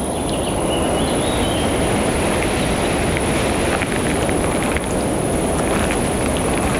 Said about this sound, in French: Le son aigu de l'insecte et quelques chants d'oiseaux diffus composent ce paysage.